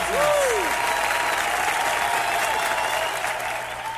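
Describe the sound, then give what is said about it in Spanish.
Steady applause for Christ from a sizable audience, dense and continuous clapping that holds strong for several seconds before easing slightly at the end, with a brief tonal sweep near the start. “grandes palmas a Cristo”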